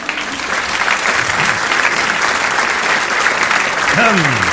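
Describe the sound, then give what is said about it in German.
Sustained audience applause welcoming a performer at a Swabian cabaret show, a dense, steady wash of many hands clapping at an even loudness throughout, with a brief whistle-like tone rising near the end. “Das ist lieb, dass ihr so klatscht.”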